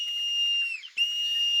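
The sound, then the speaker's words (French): A marmot's shrill alarm whistle on a stony mountain path, a steady high-pitched tone broken by a short dip before it resumes just as loud, with no voices present. “Mais quand elles sentent un danger, elles sifflent.”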